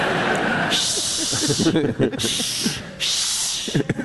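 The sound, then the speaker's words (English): Several drawn-out shushing hisses, loud and breathy, come in bursts with brief pauses between them, while low murmuring voices carry on underneath. “Now all I hear is shushing.”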